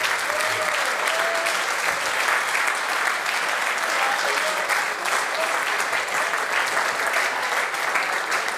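Sustained, dense applause from a large crowd giving a standing ovation at a birthday celebration, steady and loud for the whole stretch with no letup, a few faint voices and whistles mixed into the clapping.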